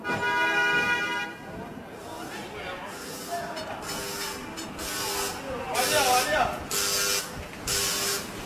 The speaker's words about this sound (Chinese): 北京时间12点，叮叮车在拥挤的车流中慢悠悠地穿行。